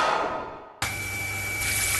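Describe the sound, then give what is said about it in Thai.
A fading wash of noise gives way to a sudden, steady, loud roar of water gushing from a burst water pipe in a house, with a faint whine and low hum underneath. “นึกว่าบ้านมีน้ำตกที่ไหนได้ท่อน้ำแตกแล้วเสียงปั๊มดังกระหน่ำไม่หยุดเลย”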